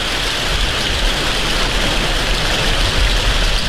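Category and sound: nature, heavy rain pouring down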